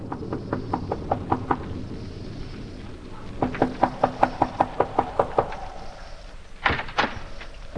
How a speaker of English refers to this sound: It is early in the evening, but the sky over Westchester County is dark and signals the approach of a storm as a solitary traveler makes his way to the Wharton farmhouse, a lonely cottage overlooking the valley. He knocks at the door.